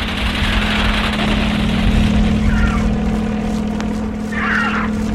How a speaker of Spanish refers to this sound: Luego el helicóptero se aleja un poco para reanudar el ataque.